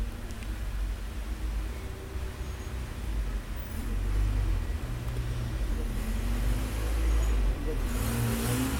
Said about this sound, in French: Une voiture verte, suivie d'un grand camion blanc, passe devant nous, près du boulevard Saint-Germain.